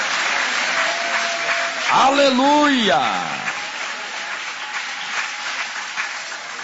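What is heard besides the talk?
audience applauding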